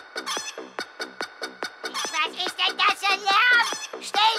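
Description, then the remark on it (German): A song made with the animals from the speaker's farm: loud, rhythmic bursts of clucking on a steady quick beat, rising into longer, wavering rooster-like crowing calls toward the end. “Ich wollte noch sagen, ich habe noch einen Song gemacht. In Zusammenarbeit mit ein paar Leuten von meinem Hof. Also, mit meinen Tieren.”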